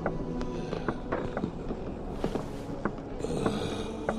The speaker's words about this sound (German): Eine massige Gestalt schob sich in den Türrahmen. Das Schnaufen erinnerte an ein hungriges Tier.